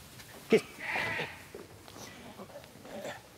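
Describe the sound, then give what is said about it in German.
A goat being caught lets out a single short, wavering bleat, preceded by a brief knock, with faint rustling and background movement around it. “Dafür muss die Ziege aber erst mal eingefangen werden.”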